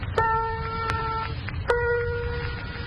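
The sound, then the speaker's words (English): Two piano notes are struck one after the other, A then A sharp, a semitone apart. Each rings out steadily for over a second over a low background rumble. “What you heard then was the difference between A and A sharp on the piano scale.”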